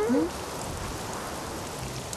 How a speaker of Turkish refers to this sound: Fırtına başladı abi. Çok korkunç sesler çıkarıyor.